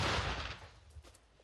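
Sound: artillery gun firing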